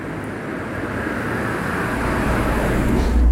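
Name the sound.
car passing by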